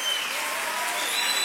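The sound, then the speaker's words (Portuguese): A church audience applauds the Lord during worship, a dense, continuous patter of many hands clapping at once, fairly loud and sustained throughout with no pauses or individual claps standing out. “Aplauda, Senhor.”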